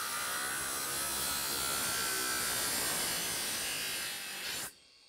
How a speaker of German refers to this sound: Mit der Flex läuft es deutlich besser.